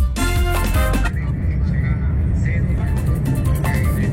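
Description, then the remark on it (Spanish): City street traffic in Cartagena, from a listener's video: a steady, loud rumble of engines and road noise, preceded by a brief tonal blare in the first second, with muffled voices mixed in. “Me están enviando también videitos de cómo está el tráfico en la ciudad de Cartagena a esa hora.”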